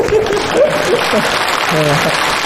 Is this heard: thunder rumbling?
no